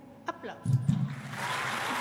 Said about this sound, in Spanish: Aplausos.